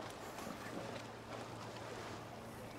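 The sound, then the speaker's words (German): A self-service boat lock fills its chamber during an upstream lockage, a steady, continuous rush of water over a low mechanical hum, constant in level throughout with no voices. “Bergschleusung läuft.”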